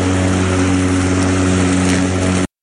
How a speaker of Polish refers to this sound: Że ta kosiarka leci nam teraz w tle. Wow, spektakularne.